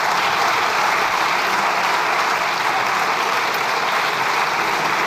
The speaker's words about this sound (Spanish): Aplaudiments des de la bancada socialista.